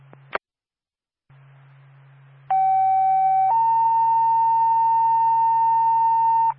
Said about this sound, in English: Stand by for tones.